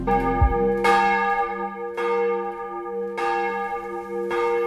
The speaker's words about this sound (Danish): Klokkerne ringer til morgenandagt fra Vor Frue Kirke i København.